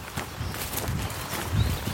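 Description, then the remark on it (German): Heavy footsteps thud unevenly on soft ground outdoors, passing at a steady walking pace through a gate into a pasture with goats and cattle in a former gravel pit, with a faint breezy background and no talking. “Der geht jetzt rein, genau, durch das Gatter.”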